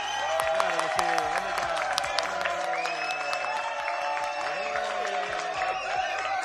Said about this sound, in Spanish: Vaya ovación, esto parece un campo de fútbol.